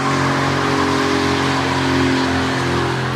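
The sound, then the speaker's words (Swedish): A powerful car drifting sideways: its engine roars loudly and steadily at high revs, with a gritty hiss of tires scrubbing across pavement as the car slides, continuous with no voices. “Du kör med en bil med mycket effekt med sidomfärg på några centimeters marginaler.”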